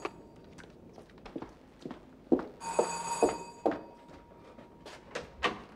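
A doorbell rings in a short, bright, buzzing burst midway through, surrounded by scattered clattering knocks and bumps of movement, with no one speaking.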